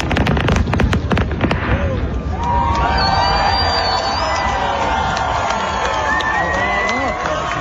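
A rapid barrage of fireworks from a huge display in Toronto, filmed for a music video shoot, bursts, booms and crackles loudly in the first couple of seconds, then gives way to a dense crowd roar with whistles and cheering that continues steadily to the end.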